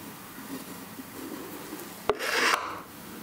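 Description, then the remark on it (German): A knife scrapes along a casting seam: a sharp click, then about half a second of dry, rasping shaving before it fades, with quiet background hiss around it. “Auch die Gießnähte kommen unters Messer.”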